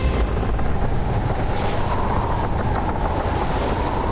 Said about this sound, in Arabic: وأقلعت المراكب الثلاثة، وسرعان ما غابت في الأفق، وودعنا اليابسة كي نقابل الريح الغاضبة. الريح تبدأ بهبات خفيفة ثم تشتد وتصحبها الأمواج.